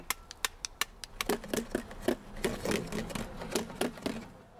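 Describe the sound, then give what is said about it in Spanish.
Plates being struck rhythmically like a drum, a quick run of sharp, clattering hits with a slight ring, moderately loud, with no voices. “Kevin y Emma estaban golpeando unos platos e hicieron un sonido agradable.”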